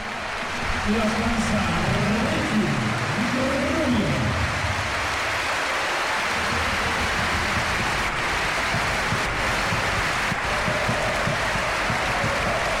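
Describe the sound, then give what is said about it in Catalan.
A big basketball arena crowd on its feet gives a sustained, roaring ovation for Ricky Rubio as he is substituted in a Joventut game, steady applause and cheering filling the space for several seconds, with a man's voice speaking over it near the start. “I aquí l'ovació, escolteu l'ambient i l'ovació a Ricky Rubio.”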